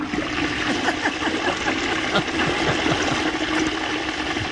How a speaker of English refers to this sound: It's a strong toilet. That's a long flush.